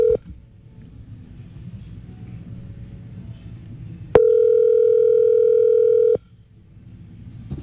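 A steady, loud telephone tone at one pitch while placing a WhatsApp call sounds for about two seconds, cutting in and out abruptly over low rumbling background noise, with a brief tone blip at the start.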